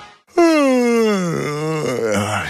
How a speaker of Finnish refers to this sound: Haukottelu on tarttuvaa.